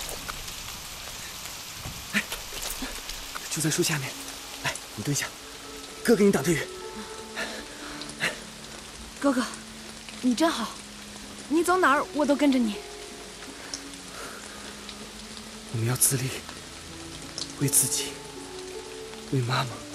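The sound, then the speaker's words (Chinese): Steady rain hisses down throughout, a dense, even patter with occasional sharper drops, while voices speak intermittently over it. “下雨了，怎么办呀？”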